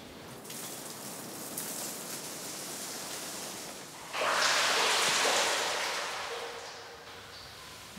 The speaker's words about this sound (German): Und ich würde dich einladen, mit einer kräftigen Schüttprobe mal akustisch zu erleben, wie tief sich 50 Meter anhören. 50 Meter? 50 Meter.